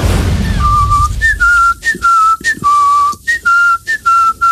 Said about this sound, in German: Es fing damit an, dass er einen Ohrwurm hatte und diesen Song immer und immer wieder gepfiffen hat.